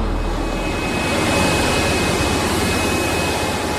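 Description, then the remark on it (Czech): A rail tunnel vacuum cleaning train runs with its suction slats extended and compressed air blowing dust off the tunnel lining, a loud, steady, jet-like roar of suction and blowing air, constant throughout, with a thin high whine above it and no voices. “Teď vyjeli ty nasávací lamely. Do toho meziprostoru ten tlakový vzduch odfukuje z odstění.”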